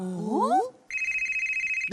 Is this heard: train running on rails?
no